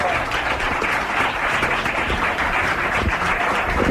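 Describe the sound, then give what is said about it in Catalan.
Steady applause from an audience calling a performer out, a dense wash of many hands clapping at once, loud and continuous without pause. “Home, si m'ho poses d'aquesta manera i si m'aplaudeixen, potser surto, eh?”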